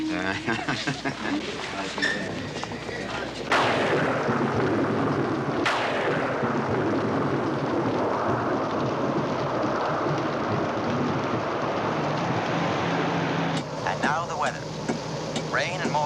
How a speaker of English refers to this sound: Storms out of the north and chill coastal winds.